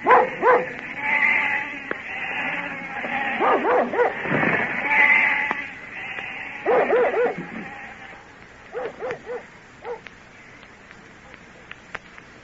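A dog barks repeatedly amid a chorus of bleating sheep as the flock is driven away, the commotion loud at first, then thinning into scattered, fainter calls as the flock moves off.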